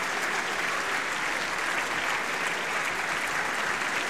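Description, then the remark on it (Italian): Sustained applause from an enthusiastic audience, many standing, after a performance with orchestra and singers in Genoa, Italy; a dense, steady wash of clapping hands at an even loudness throughout, with no voices standing out. “continuano gli applausi e continua l'entusiasmo del pubblico.”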